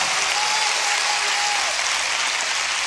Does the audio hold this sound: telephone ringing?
no